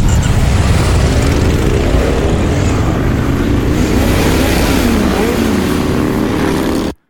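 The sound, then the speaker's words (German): Several motorcycle engines roar continuously and loudly, with rising and falling revs layered over a dense low rumble, like a crowd of bikes idling and accelerating together, at a weekend motorcycle gathering in Rüdesheim. “Jawohl, an diesem Wochenende wird Rüdesheim zum Paradies für alle Motorradliebhaber.”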